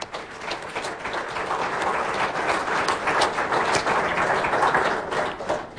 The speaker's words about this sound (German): Ja, herzlichen Applaus schon mal für Alexander Kühne.